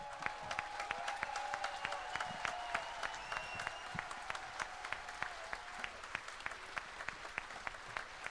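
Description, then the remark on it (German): An audience applauds before a speaker's announcement has finished, with many overlapping hand claps forming a dense, sustained wash of sound at an even level throughout, with no one speaking over it. “Ihr seid ein sehr undiszipliniertes Publikum, muss man sagen. Der Ansagenbogen war noch nicht erreicht. Ihr müsst jetzt dann gleich nochmal klatschen, weil ich wollte ja nur ein paar Sachen sagen.”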